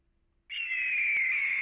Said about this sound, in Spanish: ¿Era un águila o un halcón? Águila. Ella lo dijo.